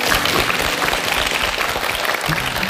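A large audience claps steadily throughout, a dense, even wash of applause that stays loud and sustained from start to finish with no voices standing out.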